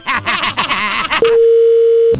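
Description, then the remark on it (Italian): A voice talks briefly, then a steady, continuous telephone dial tone hums clearly for about a second before cutting off, as a call to a car repair shop is about to be placed. “Adesso facciamo delle telefonate, poi in cuffia ti diciamo quello che devi fare.”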